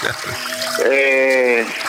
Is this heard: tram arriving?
no